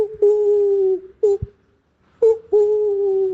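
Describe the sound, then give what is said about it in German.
A person imitates an owl with drawn-out, steady vocal hoots: a long hoot, a quick short one, a pause, then another long hoot, fairly loud with nothing else behind it. “Via WhatsApp könnt ihr noch eine Sprachnachricht schicken mit eurem schönsten Eulengeräusch.”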